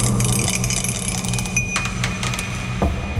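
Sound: die being rolled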